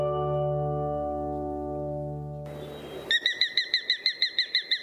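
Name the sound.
sharp-shinned hawk call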